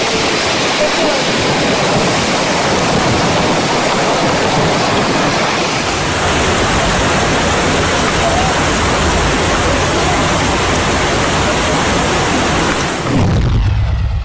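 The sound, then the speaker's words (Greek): The Kireas river in Euboea, Greece, swollen into a muddy torrent carrying debris and tree trunks, roars past in a loud, continuous rush of churning water, dense and steady with no letup. “Ο ποταμός Κυρέας φούσκωσε και μετατράπηκε σε ορμητικό χύμαρο λάσπης, μεταφέροντας φερτά υλικά και κορμούς δέντρων.”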